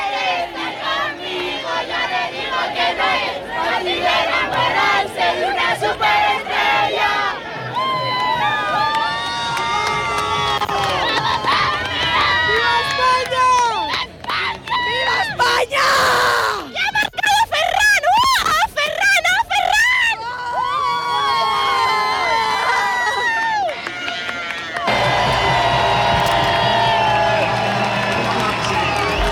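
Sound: crowd of fans cheering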